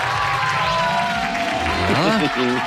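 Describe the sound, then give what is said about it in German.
A crowd cheers and claps in a steady, loud wash of noise, with a voice calling out above it near the end, celebrating a caller's correct answer in a phone-in quiz. “Da ist schon der Jubel.”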